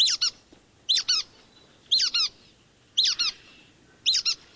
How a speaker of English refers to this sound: while the brown-headed nuthatch comes off as squeaky.